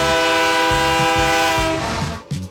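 A train horn blares loudly and steadily for about two seconds over rumbling rail noise, then cuts off abruptly, leaving brief clatter. No one speaks.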